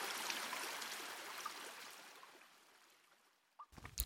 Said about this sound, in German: Zum Glück hat diese Höhle nur einen Bach. Ja, es tropft zwar etwas von der Decke, aber einen Tauchschein brauchen wir hier zum Glück nicht.